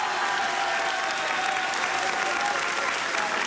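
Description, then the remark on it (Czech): Steady, dense applause from a large audience at the Blaník cultural house in Vlašim, Czech Republic, during a Czech Radio broadcast of the show Rozhlas jede za vámi. A continuous crackle of many hands clapping at an even loudness for a few seconds, with no voices standing out. “máte šanci poslouchat pořad Rozhlas jede za vámi a takhle vám tleská kulturní dům Blaník ve Vlašimi.”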